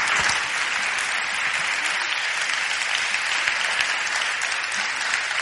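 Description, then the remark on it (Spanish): An audience applauds steadily throughout, a dense, even wash of many hands clapping at a fairly loud, constant level with no voices standing out. “Podéis aplaudir.”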